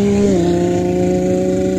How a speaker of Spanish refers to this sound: Rumbo a Navón. Rugen los motores